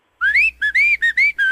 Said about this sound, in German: Das fröhliche Pfeifen.